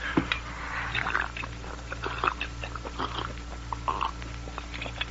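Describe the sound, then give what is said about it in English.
A person gulps water in a string of wet swallowing and mouth sounds, fairly quiet, repeating irregularly over a low steady hum with no talking. “Let me swallow that water, Sagebrush.”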